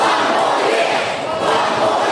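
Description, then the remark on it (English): A large crowd of Brisbane supporters roars and shouts together in a dense, sustained wall of voices as coach Chris Fagan is handed the keys to the city, loud and steady throughout with faint chant-like swells rising above the din. “Another honour for the Lion King, Chris Fagan handed the keys to the city, the Brisbane faithful making their feelings known as he weighs up retirement.”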